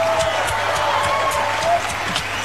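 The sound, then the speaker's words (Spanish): An audience applauds an accordion player steadily, a dense wash of clapping mixed with crowd noise that holds at an even loudness throughout, with a faint thin whistle-like tone running underneath. “Fuertes aplausos para él.”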